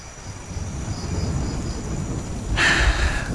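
Steady rain hisses over a deep, rolling rumble of thunder, and the downpour swells louder and brighter near the end. No one speaks.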